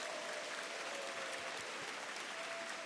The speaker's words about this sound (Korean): 먼저 극동방송을 누구보다 사랑하시는 우리 전 국회의원이신 김회재 변호사님 오셨습니다. 네, 박수 주시기 바라겠습니다.